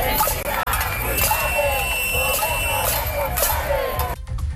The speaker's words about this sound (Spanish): Alrededor de un centenar de personas participaron ayer por la tarde en una cacerolada en Santander para exigir una política de vivienda digna.